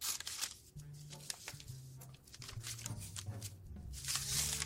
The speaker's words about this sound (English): And if you have extra paper like I do, you can just cut that right off.